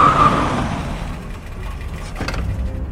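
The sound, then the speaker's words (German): A car approaches with a steady engine rumble that swells then settles, a continuous low drone with tire and road noise, moderately loud, with no voices. “Genau in diesem Augenblick kam ein Auto herangefahren.”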